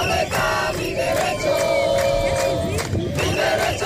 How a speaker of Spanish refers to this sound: Son los gritos de los manifestantes que entre numerosas banderas de España, Ceuta y Europa han marchado 2 kilómetros hasta llegar hasta la frontera del Tarajal, donde se han concentrado durante varios minutos custodiados por la policía.